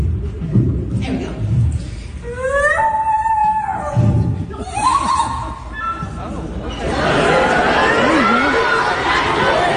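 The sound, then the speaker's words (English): A 12-year-old boy imitates a common loon call with two wavering, rising wails over background chatter, in front of a gym full of kids, followed by a burst of crowd noise. “The first one is the creepy sound of the calling loon.”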